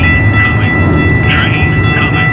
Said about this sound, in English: On this sidewalk in South Phoenix, you can hear all the sounds of the city. Cars are rushing by, and a new section of the light rail is not shy about its arrival.